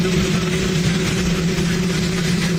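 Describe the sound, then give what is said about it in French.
Donald Trump's helicopter at the new heliport on the White House lawn: its engine rumbles steadily throughout, a constant low droning hum layered with a broad, hissing roar, unchanging in loudness and with no voices. “Sans les micros du pool télévisé, les mots du président sont allés se perdre dans le grondement de son hélicoptère.”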